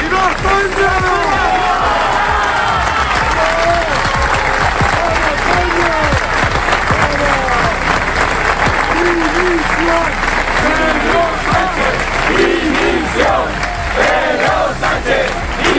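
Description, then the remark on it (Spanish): A large crowd at a rally chants loudly in unison, with 'Valencia se pronunció, Ceuta se defiende' among the chants, voices overlapping densely, with bursts of clapping and cheering throughout; the noise is continuous and energetic. “Valencia se pronunció, Ceuta se defiende, uno de los gritos más escuchados”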